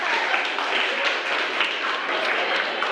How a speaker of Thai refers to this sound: เอาปรบมือค่ะ